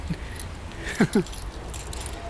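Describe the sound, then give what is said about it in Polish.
A bunch of allotment garden keys, for the wicket and the main gate, jangles briefly, two quick metallic shakes, set against a steady low background rumble with no one talking. “Od furtki i bramy, no. Działkowy klucz, no.”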